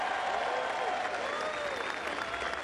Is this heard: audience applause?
yes